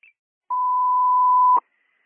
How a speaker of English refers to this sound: We put our tones out for 2000 Summit Circle.